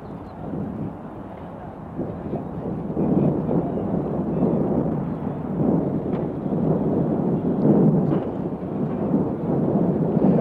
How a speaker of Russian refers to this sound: Вот сейчас автомашина, на крыльях которой государственные флаги Советского Союза и Югославии, въезжает на площадку Ленинградского аэропорта. Вы слышите, как собравшиеся горячо приветствуют выходящих из машины Никиту Сергеевича Хрущева